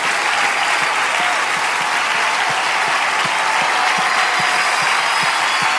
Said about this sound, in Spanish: Oh, dale ese aplauso fuerte al Señor. Dile, Señor, gracias.